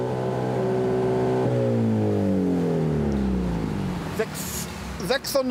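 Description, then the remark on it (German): A loud car engine, its exhaust flap opened with a confiscated remote control during a police noise measurement reading 96.3, holds a high rev, then its droning pitch sweeps steadily downward as it winds down, followed by a few brief clicks and knocks. “Mit der beschlagnahmten Fernbedienung öffnet Gregor Lesnik die Auspuffklappe”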